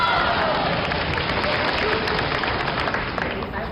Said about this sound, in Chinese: 凡是现场给我们哥俩鼓掌的发财10年20年， 嗯， 50年，连鼓掌再叫好的发财一辈子。